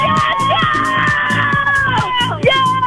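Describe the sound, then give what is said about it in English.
A small group of people, a caller together with their sister, best friend and niece, screams and whoops excitedly all at once over a phone call, a loud, dense, continuous burst of overlapping voices with rising yells and shrieks. “All right, you're going to have to scream really loud and get real crazy, otherwise I'm not going to get excited enough to want to play it.”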